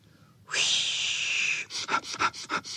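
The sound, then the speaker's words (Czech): A long, forceful breathy rush of air, then about six quick, sharp sniffs in a steady rhythm, fairly loud, as several dogs all sniff at a burdock together. No one speaks. “Zafičelo to, jak všichni psi čichali k lopuše, která se třásla jako osíka, ale teď se nesmála, protože bylo zlé.”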